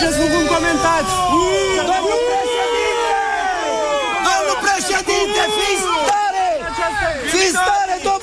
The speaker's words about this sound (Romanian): Este evenimentul zilei și probabil unii dintre dumneavoastră sunteți încurcați de huiduierile pe care le-ați auzit. Cum adică polițiștii îl scot din casă cu cătușe pe Călin Georgescu și oamenii huiduie?